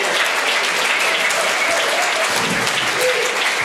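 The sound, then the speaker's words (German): An audience applauds steadily after a poem reading at the Lesebühne in the Glätthaus in Cottbus, a dense, even wash of many hands clapping at a constant loudness for several seconds, with no voices standing out. “Begeistert das Publikum hier in Cottbus im Glätthaus in der Lesebühne.”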